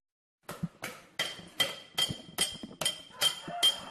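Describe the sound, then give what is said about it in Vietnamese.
A small hammer taps steadily on silver in traditional Cham silver engraving at Bào Trúc village, Ninh Phước commune, Khánh Hòa province, about nine bright metallic strikes in an even rhythm, each with a short ringing high tone that fades quickly. “Giữa không gian yên tĩnh của thôn Bào Trúc, xã Ninh Phước, tỉnh Khánh Hòa, tiếng búa nhỏ gõ nhịp lên mặt bạc vang lên đều đặn, không ồn ào như tiếng máy móc trong các xưởng cơ khí.”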